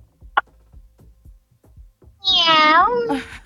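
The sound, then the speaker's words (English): A person imitates a cat's meow: one loud, drawn-out mew that rises and then falls, following a second or two of soft, faint ticking in the background. “Meow. Meow, meow, my darling.”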